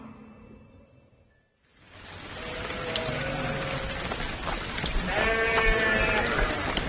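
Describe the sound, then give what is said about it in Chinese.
Steady rain hisses down after a brief quiet start, filling the scene with a dense wash of noise while sheep bleat a few times in the background. “哎呀，这孩子下雨了也不知道回家呀。”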